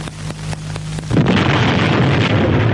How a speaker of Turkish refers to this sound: Patladı! Hangi hayvan attı bu bombayı?